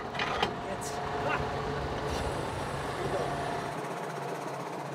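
A tractor engine runs at a steady drone while its hydraulics whine, raising and lowering the coupling triangle of the tractor's hitch, with a few sharp clicks and knocks early on before the noise thins out at the end.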